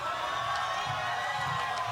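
A crowd applauds and cheers steadily for about two seconds, a dense wash of clapping with voices mixed in, loud throughout.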